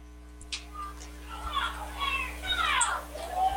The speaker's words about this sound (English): You can hear the crowd getting a little antsy.